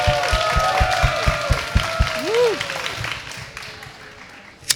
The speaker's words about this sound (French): Merci, vous pouvez vous applaudir, public. Merci. Bravo.